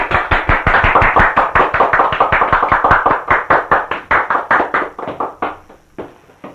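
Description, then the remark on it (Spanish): Audience applause for Frijol after he receives gifts and his Christmas bonus on behalf of the company, brisk, steady, closely spaced hand claps that keep a fairly even rhythm, loud throughout and thinning out over the last second with no voices. “¡Aplausos!”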